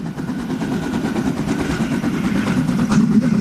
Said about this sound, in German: Die Harzer Schmalspurbahnen schnaufen sich da durch Wälder und Berge.